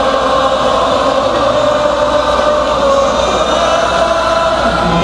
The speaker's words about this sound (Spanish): Que se quede grabado este aplauso para el rey de Colombia.